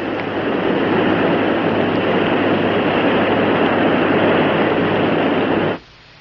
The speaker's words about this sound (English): Gee, that room's filling up with water awfully fast.